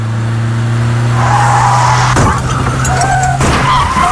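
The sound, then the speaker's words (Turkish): Loud tire screech from a car skidding for about two seconds in a crash caused by a driver talking on the phone, followed by a sharp crash impact and a second thud a moment later, with no voices. “Az önce biri telefonla konuştuğu için kaza yaptı.”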